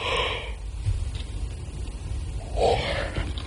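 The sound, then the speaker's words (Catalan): A woman yawns, a breathy intake at the start followed later by a drawn-out, airy exhale, with no talking. “Mira, és que ara em posaré a badallar.”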